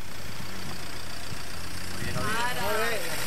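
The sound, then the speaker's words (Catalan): A car engine idles with a steady low rumble throughout, fairly loud, while a voice briefly speaks over it near the end. “Stop, fora cotxe, pula.”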